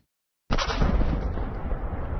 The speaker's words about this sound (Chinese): 英国英格兰东部埃塞克斯郡工业区24号发生火灾，一处化肥仓库遭到波及后剧烈爆炸，并进一步扩大火灾规模，超100名消防员前往现场扑救，火势目前已经基本得到了控制。